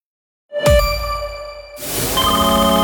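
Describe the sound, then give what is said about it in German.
A telephone rings as an unknown number calls, with a bright electronic tone that starts suddenly after a brief silence, then shifts into a second sustained, buzzy ringing note. It is fairly loud, with no talking. “Wenn eine unbekannte Nummer anruft, geht keiner gern ans Telefon.”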